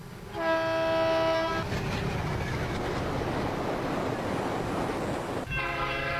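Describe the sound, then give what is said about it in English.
A loud train horn blasts, then the heavy, steady rumble and roar of a passing train, followed by a second horn blast near the end. No one speaks. “itimela zethu-ke zihamba kanje: eKitchen Ridge zihamba kahle sibambele isikhathi, Pine Town zihamba kahle sibambele isikhathi,”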